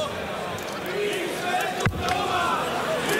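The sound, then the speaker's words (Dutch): A packed crowd of Hungarian darts fans cheers and chants in a steady, loud roar, with voices rising together and a single sharp thud cutting through just past the middle. “Oeh, er is flink wat Hongaars volk meegekomen.”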